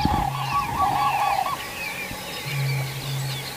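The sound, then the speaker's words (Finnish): Common cranes give a quick series of loud, rolling trumpet-like calls for about a second and a half, then fall quiet while a steady low bubbling hum of moor frogs carries on underneath. “Ja se on hauska konsertti tässä koko ajan taustalla, tämä viitasammakoiden, mutta olipa komeet kurje.”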